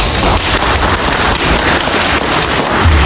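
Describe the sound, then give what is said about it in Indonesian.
Sustained applause from a crowd after a speaker announces that Bener Meriah, Indonesia, has the best cocoa in Indonesia. A dense, steady crackle of many hands clapping at once stays loud and even throughout, with no voices over it. “Tepuk tangan.”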